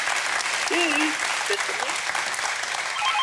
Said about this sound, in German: Der Applaus zu Ihnen in die Heide.